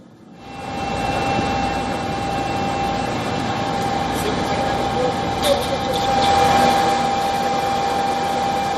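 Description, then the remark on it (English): A steady, droning engine buzz of a Russian attack drone passes overhead in Kyiv, Ukraine, during an attack on the city, continuous and fairly loud for several seconds, swelling slightly toward the end over a wash of outdoor city noise. “Ukrainian authorities claimed that the capital came under a major overnight attack, with drones striking several areas across the city and its outskirts.”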